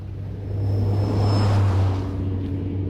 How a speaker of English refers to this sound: Oh, shall we get on it and head over to Hyde Park for a stroll? Good idea. I'll stick my hand out for the bus.